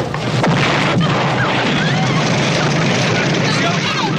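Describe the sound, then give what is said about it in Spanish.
A loud bomb explosion erupts in a film scene, followed by a sustained, roaring wash of noise and crashing debris, with indistinct voices buried in the din. “Beso se interrumpe dramáticamente por el estallido de la bomba.”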